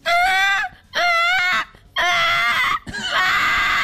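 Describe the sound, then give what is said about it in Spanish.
A person imitates a baby crying with four loud, high-pitched wails separated by short pauses, each bursting out and wavering, the last one longer and harsher. “Un bebé llorando.”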